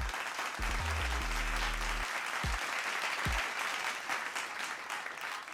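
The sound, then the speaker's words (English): A round of applause from a crowd, dense steady clapping that fills the whole stretch, with brief low tones and a couple of quick swooping sounds near the start. “Let me give you all a round of applause for keeping all the ladies looking oh so beautiful.”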